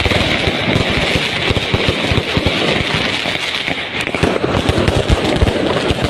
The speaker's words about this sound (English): This is the middle of the night outside their hotel room. This is what they were serving this up for them. Fireworks displays, impromptu fireworks displays, so that the Ecuadorian World Cup team couldn't sleep.